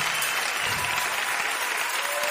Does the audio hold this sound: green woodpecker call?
no